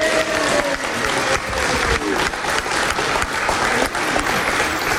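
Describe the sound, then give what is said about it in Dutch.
Sustained audience applause at a tribute where a bouquet of flowers is presented fills the whole stretch, a dense, even wash of many hands clapping at steady loudness, with a few faint cheers or voices rising briefly underneath. “Applaus!”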